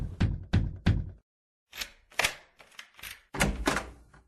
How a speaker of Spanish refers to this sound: Don Roque tocó la puerta.